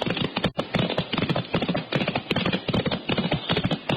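Horse hooves clip-clop steadily and briskly throughout, a busy rhythm of hoofbeats like a horse being ridden at a trot, here ridden through junipers, with no voices over it.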